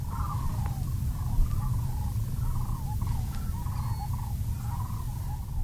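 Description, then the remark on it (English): A group of dozens of sandhill cranes gives rolling, trumpeting calls in a steady series of overlapping phrases, heard outdoors at a wetland by a grassy lake on a November morning, over a constant low rumble of wind. “A group of them is called a herd, and they sound like this.”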